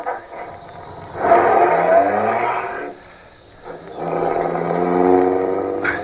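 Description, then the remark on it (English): The engine of an official MVD limousine turns over and roars to life as the starter is stepped on, with two loud surges of revving separated by a brief dip to a low idle rumble. No voices. “I got in quickly and stepped on the starter.”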